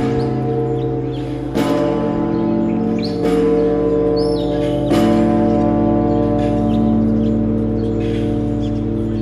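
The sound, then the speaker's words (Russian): The famous cathedral bell of Alexander Nevsky Cathedral in Nizhny Novgorod, Russia, is rung by visiting guests, struck three times at steady intervals, each deep strike ringing out and leaving a long humming resonance, with faint bird chirps in the background. “В Нижнем Новгороде почетные гости посетили Александр Невский кафедральный собор, были воодушевлены его величием и даже попробовали позвонить в знаменитый Нижегородский соборный колокол.”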